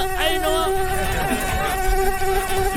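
A steady mosquito whine drones on without a break, a thin high-pitched buzz that wavers slightly in pitch over a low background rumble, with no voices.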